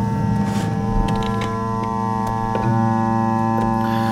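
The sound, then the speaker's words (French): Radio static from clock power-supply interference: a steady, layered electrical hum with faint regular ticking clicks about twice per second, continuous and fairly loud, with no voices. “Donc c'est pas vraiment la radio en fait, c'est la radio qui écoute l'alimentation des horloges.”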